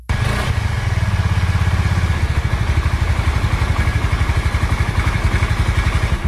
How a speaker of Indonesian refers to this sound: Gagah bener, motor baru bro. Mewah banget lagi kelihatannya. Jelas bro, Honda Vario 125. Desain menarik dengan garis tegas, beda sama yang lain. Kuat buat mudik jauh sama naik tanjakan gak bro? Aman, mesinnya SOHC, single overhead camshaft.